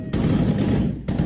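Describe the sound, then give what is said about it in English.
A loud, rapid burst of gunshots as gunmen on motorbikes ride into a village in northwest Nigeria blurs into a continuous clatter for about a second, breaks off briefly, then starts up again. No one speaks. “Shots ring out as gunmen on motorbikes ride into a village in northwest Nigeria.”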